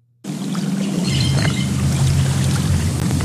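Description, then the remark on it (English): Two people wade through waist-deep water at the 6-mile Cypress Slough Preserve, seeking frogs: steady sloshing and swishing of water as bodies move through it, a continuous churning rush that starts abruptly and continues without pause, with no voices. “Zahir Ringgold and her partner, Carrie Dill, are wading through waist-deep water”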